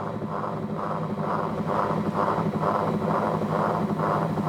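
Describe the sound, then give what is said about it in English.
Whirly tubes whir as they spin, a steady droning whoosh that swells and fades in a regular pulse about twice a second, with a low humming tone running beneath. “So the soundtrack, which is the LP, is playing, but you can also hear underneath the sound of the whirlies themselves as they rotate.”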